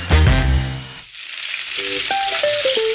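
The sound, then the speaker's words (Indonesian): Bakwan, vegetable fritters of carrot and cabbage coated in flour batter, sizzle and crackle as they fry in hot oil until crisp, a steady hiss throughout, with brief bright musical tones at the start and again near the end. No one speaks. “Ada wortel, ada kubis atau kol dibalut tepung, terus digoreng sampai renyah.”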